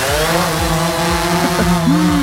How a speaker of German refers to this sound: Genau, es sind Drohnen und zwar welche, die in dieser Woche über Essen fliegen. Vielleicht habt ihr sie schon gesehen und euch gefragt. Die fliegen nämlich zwischen Huttrop und Kupferdreh.